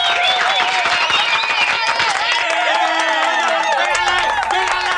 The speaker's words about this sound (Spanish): A los artistas se les despide con aplausos.